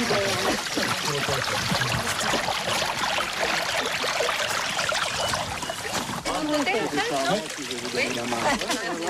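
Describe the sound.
Steady rush of flowing stream water fills the whole stretch, a dense bubbling wash with voices talking over it toward the end; a stream from which water is captured through small installations.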